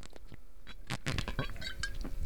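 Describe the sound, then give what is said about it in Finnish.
Drinking straight from a glass wine bottle: a few short wet sips and slurps in uneven bursts, with faint clinks of glass, over a couple of seconds with no talking. “Se on nyt hävinnyt se semmoinen puluputus, mutta minä voin näyttää, että minkälainen ääni sitä lähtee nytte.”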